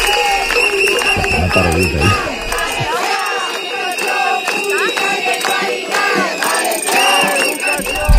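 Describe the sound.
Hundreds of protesters gathered at the doors of the Conselleria shout and chant together at a demonstration, a loud, dense mass of voices with rhythmic bursts of cries and whistles rising over constant crowd noise.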